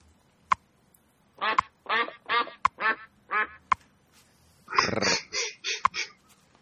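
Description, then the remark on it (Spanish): A raspy cartoon duck voice, played for Donald Duck Day, quacks in a string of short, buzzy bursts, then breaks into a louder garbled flurry, while sharp ticks sound roughly once a second throughout. “Hoy es martes, 9 de junio de 2026, día del Pato Donald.”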